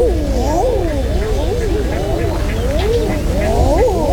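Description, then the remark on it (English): A flock of eider ducks calling, with many overlapping cooing, rising-and-falling 'ah-ooo' calls that sound almost human and surprised, continuing steadily over a low background rumble. “This is the sound that an eider duck makes.”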